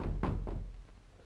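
A few dull, heavy knocks on a door, two firm raps followed by fainter ones, with a muffled, booming low end and no voices.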